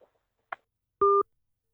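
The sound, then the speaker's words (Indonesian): A soft click, then one short, loud telephone line beep as a caller is put on hold: a steady, two-pitched electronic tone held for a fraction of a second before cutting off. No one speaks. “Baik, pendengar dimanapun Anda berada, untuk telepon saya tahan dulu deh.”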